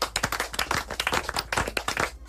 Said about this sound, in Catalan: Tercer, picant de mans.